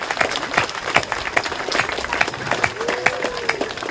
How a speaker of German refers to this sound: Vielen Dank. Nochmal bitte. Danke, einen Applaus.